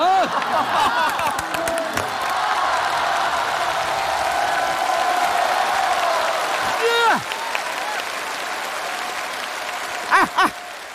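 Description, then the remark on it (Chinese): Steady audience applause fills the whole stretch, a dense wash of clapping with scattered whoops and cheers rising above it, plus a few short shouts near the end. “按我这改，改完以后啊，掌声、笑声、欢呼声都有，你信不信？”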